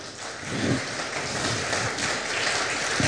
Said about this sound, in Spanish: Otro aplauso, por favor.